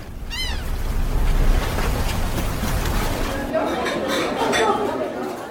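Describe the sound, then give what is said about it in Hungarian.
Busy marina ambience as boats of the 29 class, finishing their race, slowly dock: a steady wash of outdoor noise with people chattering in the background, and a brief high call ringing out near the start. “És ahogy azt már hallhattuk néhány perce, szép lassan elkezdett kikötni a 29-es hajóosztály futama”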